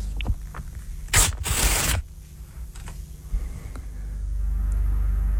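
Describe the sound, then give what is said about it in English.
Several sheets of paper are ripped in two quick, loud tearing bursts, the second longer, followed by quieter rustling and handling noise over a low background rumble. No one speaks. “I'm going to rip some paper.”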